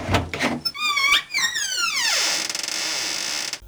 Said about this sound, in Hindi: खोलो दरवाजा। खोलती हूँ, अभी आई।